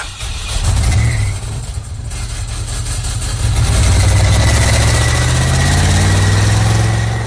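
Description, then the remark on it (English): A heavy engine of a bus carrying 40 students rumbles to life and revs, its deep low drone swelling louder and steadier over several seconds, with no talking. “That's a total of 40 students, miss. Please start the bus.”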